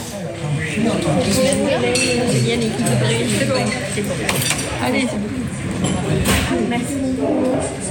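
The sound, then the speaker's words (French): Dishes and cutlery clink repeatedly in sharp, scattered bursts amid the steady murmur of many people chatting in a busy, crowded café. “Ici, le mardi, en principe, je m'occupe surtout de la vaisselle ou de porter les consommations aux clients.”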